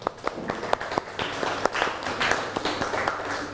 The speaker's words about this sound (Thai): โอเคนะคะนั่งลงปรบมือเพื่อนหน่อยค่ะ